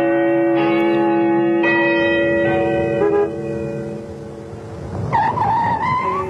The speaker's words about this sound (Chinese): 江边的钟楼又按时响起来钟声